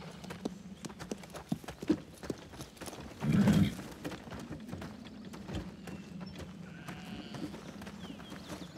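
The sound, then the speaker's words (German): Horse hooves clip-clop in a steady, uneven rhythm of sharp knocks, with a low rumble underneath and a brief louder burst partway through; no one speaks. “Schönes Pferd.”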